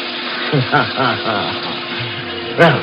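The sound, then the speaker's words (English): Water runs steadily from a faucet into a sink in a porter's closet as a man splashes and drenches himself from head to foot, a continuous hiss and splash, with a voice speaking over it throughout and a brief louder burst near the end. “I turned on the faucet in the sink. Splashed and drenched myself from head to foot.”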